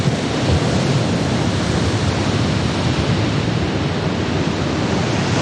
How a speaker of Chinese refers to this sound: 一望无际的大海上掀起狂风巨浪，将巨大的能量倾泻在支离破碎的爱尔兰岛西海岸上。